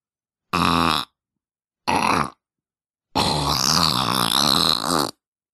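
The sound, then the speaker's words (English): A voice imitates farting with buzzing lip raspberries: two short blasts followed by a longer, wobbling one, loud with no other sounds. “This isn't even a real fart. It's just my lips.”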